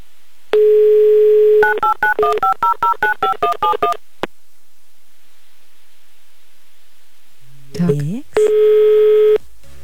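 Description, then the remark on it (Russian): A steady telephone dial tone gives way to a quick run of about a dozen touch-tone beeps as a call is placed to a person. After a pause comes a brief warbling sweep, then another steady line tone. “если вы нас слышите, приготовьтесь взять трубку, потому что мы звоним.”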